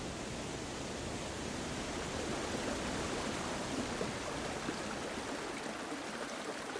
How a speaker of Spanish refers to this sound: viene de arriba, de cascadas, que son la suma de miles y miles de gotas que vienen de los carámbanos, de los témpanos de hielo. Aigüestortas y San Mauricio es el paisaje de los lagos de montaña. El agua aquí suena en todas las notas de la escala.